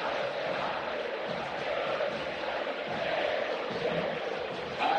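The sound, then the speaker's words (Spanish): A huge football crowd at La Bombonera stadium chants together during a Boca Juniors match, in a dense, sustained roar that stays loud and steady throughout, with no single voice standing out. “lateral para Boca, así canta la Bombonera.”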